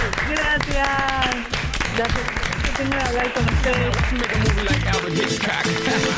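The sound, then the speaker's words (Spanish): An audience bursts into sustained, loud applause with dense, rapid clapping throughout, mixed with voices and brief cheering. “Bueno, tengo para decirte oficialmente, y vendrá el aplauso, que estás en el check-in.”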